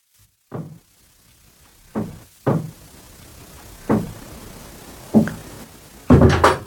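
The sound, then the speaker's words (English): A series of heavy door thuds, six in all, spaced irregularly with short quiet gaps between, the last a louder, rattling slam, as the doors close behind Judas leaving Jesus and the disciples at supper. No one speaks. “Almost at once Judas got up and hastily went out, and the others noticed as the doors closed behind him that he had gone out into the dark.”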